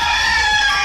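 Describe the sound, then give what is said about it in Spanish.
A loud rooster crow sound effect, heard as a sustained, strained cry that holds steady through a brief moment with no voices around it. “El gallo.”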